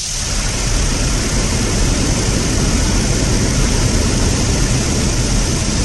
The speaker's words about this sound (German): Ja, nicht wundern, klingt wie ein Wasserfall, weil die Bären nämlich aus dem Wasser den Lachs natürlich fischen.